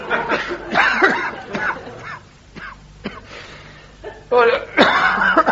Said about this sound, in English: Excuse me, I'm so sorry. I'll say that's a nasty cough you've got there, isn't it, Doctor? Yes, it's... What do you put it down to, then, is it? Oh, I don't know. Overwork, you know. Not enough fresh air and smoking, I suppose. Smoking too much.